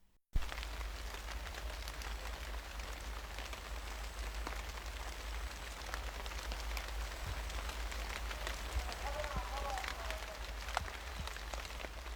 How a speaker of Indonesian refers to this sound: Ame ga shito-shito futte imasu. Kalimat ini artinya hujan turun rintik-rintik. Ini menunjukkan suara hujan gerimis, tipe hujan yang masih bisa kita tempuh dengan berjalan tanpa menggunakan payung.